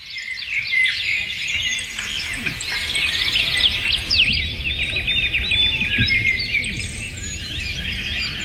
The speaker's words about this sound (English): Sometimes you can't get out and walk. So as you're driving to work, let's take you outside where the birds can sing to you. 10 minutes of this should de-stress you.